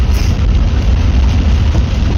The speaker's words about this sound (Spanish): Y sigue lloviendo muy fuerte, ¿eh? Muy fuerte. Está, yo creo que... Sigue así, esta lluvia va a traer más que un dolor de cabeza.